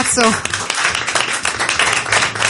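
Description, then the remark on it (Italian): An audience applauds steadily for a couple of seconds, a dense, even wash of many hands clapping, with a brief voice calling out over it at the start. “Fategli un applauso.”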